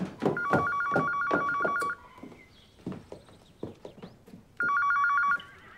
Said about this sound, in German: Teres, Telefon.